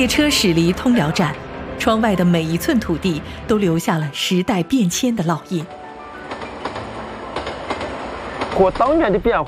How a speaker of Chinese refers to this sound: 列车驶离通辽站，窗外的每一寸土地都留下了时代变迁的烙印。